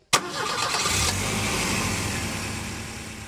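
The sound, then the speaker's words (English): A car engine cranks briefly with a sharp onset, then catches and settles into a steady, low rumbling idle that continues to the end, with no voices. “Say, Merrill, where's the keys? Let's see if this thing will start.”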